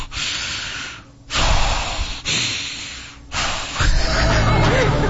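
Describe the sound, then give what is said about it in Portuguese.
A person imitates an angry wife's heavy breathing, forcing out three loud, rough snorting breaths, each a harsh rush of air separated by short pauses. “provavelmente ela está respirando assim, ó.”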